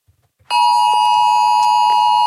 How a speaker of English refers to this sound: Meanwhile, the Oz Alert test. Did you get the Oz Alert 2 o'clock Monday? This loud noise went off on people's phones.